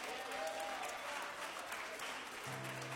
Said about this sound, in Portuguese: Pode passar lá, meus queridos, vamos louvar a Deus mais uma vez com a nossa irmã que aqui está, e vamos recebê-la com um aplauso bem forte para Jesus.